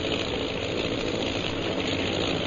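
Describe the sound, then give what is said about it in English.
Bomber plane engines drone overhead in a steady, unbroken roar, fairly loud and constant throughout with no rhythm changes, and no voices are heard. “Oh, those sure are some planes. They must be bombers.”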